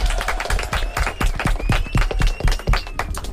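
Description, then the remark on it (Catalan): An audience bursts into steady applause, many hands clapping in a dense, crackling patter that holds at an even, fairly loud level throughout, with faint cheering voices mixed in. “Vinga, un aplaudiment!”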